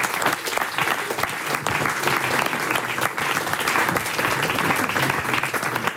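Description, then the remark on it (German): An audience claps steadily for about six seconds, a dense, even wash of many hands with no pauses and no voices rising above it, applauding themselves for coming out in the heat. “Vorher gibt es aber erstmal noch einen riesigen dicken Applaus für Sie selbst, dass Sie es heute hier bei der Hitze hergeschafft haben”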